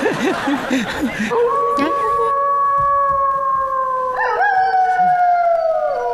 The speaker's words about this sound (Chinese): 什么声？ 是狼！